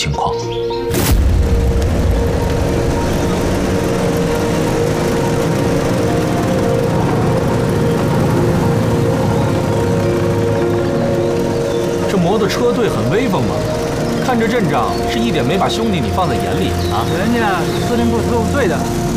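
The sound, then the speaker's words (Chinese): A column of motorcycle engines from an enemy headquarters special-service squad roars past in a loud, continuous rumble, with revving rising and falling, after a sharp bang at the start and faint voices mixed in. “这摩托车队很威风嘛，看着阵仗，是一点没把兄弟你放在眼里啊！”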